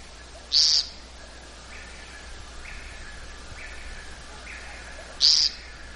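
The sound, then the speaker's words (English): Two short, buzzy, unmusical zeep calls from a woodcock at dusk, about five seconds apart, standing out clearly over a soft background hiss with fainter calls in between. “You hear that rather unmusical note? Kind of a zeep.”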